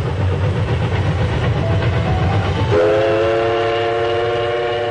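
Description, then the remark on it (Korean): A train running slowly rumbles steadily along the rails, loud, past rapeseed flowers, rice paddies and willow trees in spring, and about halfway through a long, sustained horn blast sounds over the rolling noise. No one speaks. “기차가 천천히 달리는 동안 창밖에는 유채화와 벼밭, 보드나무가 푸르게 펼쳐졌다.”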